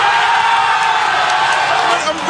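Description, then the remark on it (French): A large crowd of Bafana Bafana football supporters in Johannesburg roars in celebration of Thébo Mokoena's 83rd-minute penalty goal against the Czech Republic at the World Cup, a dense, steady wall of cheering and shouting that stays loud throughout, with scattered higher whoops poking through. “À la 83e minute, Thébo Mokoena marque son pénalty et délivre tous les supporters.”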